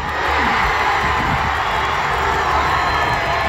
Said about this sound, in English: Okay, that is the crowd here down at Eau Claire Plaza. We're at the watch party.